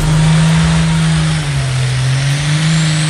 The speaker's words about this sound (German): So klingt's morgen in Edewecht. Ab 14 Uhr steht das Traktor-Pulling-Event inklusive Aftershow-Party an.